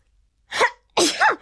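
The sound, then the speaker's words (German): Two sneezes in quick succession, the first short and sharp, the second longer and more forceful with a two-part burst, loud with nothing else around them. “Schnupfennase niest und niest.”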